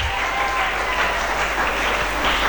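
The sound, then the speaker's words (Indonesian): Students of Madrasah Aliyah Negeri Fakfak clap loudly and enthusiastically, a dense, steady wash of many hands applauding throughout without a break. “Sekali lagi, beri tepuk tangan yang meriah dulu.”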